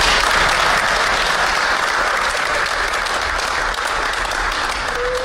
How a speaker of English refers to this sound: And clap for me.